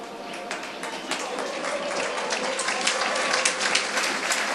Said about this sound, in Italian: Dovrebbe essere Marsili ad allontanarsi, infatti è così a lasciare il campo, applausi a scena aperta per Max Marsili, autore anche quest'oggi, una grande prova. Tutti in piedi per applaudire un immenso Max Marsili